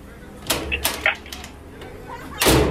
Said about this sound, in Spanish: ¿Quién toca la puerta?